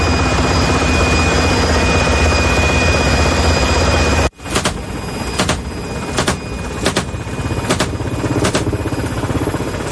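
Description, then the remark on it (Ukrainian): A military helicopter in flight, one of a unit of two hunting drones over Ukraine: a loud, steady engine and rotor roar fills the first half, then cuts to a lower drone with rhythmic, repeating blade thumps. No one speaks. “Цей підрозділ у складі двох вертольотів знищив сьогодні 6 повітряних цілей.”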